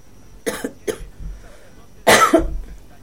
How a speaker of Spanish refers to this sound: Buena tos. El sonido de la tos son cuerdas vocales chocando.